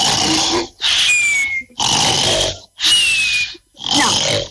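A loud, harsh recorded human snoring sound repeats five times in quick succession, each rasping breath separated by brief silences, with no talking.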